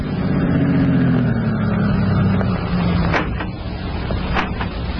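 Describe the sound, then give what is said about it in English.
A car engine rumbles and winds down as the vehicle pulls up at a farm entrance and stops, followed by a couple of sharp clunks as two men get out of the car, with no one speaking. “Baker was standing at the farm entrance when two men drove up and got out of their car”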